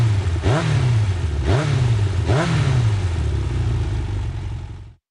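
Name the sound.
motorcycle engine revving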